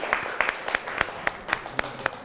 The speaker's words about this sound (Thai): ครับขอเสียงปรบมือให้เพื่อนหน่อยครับ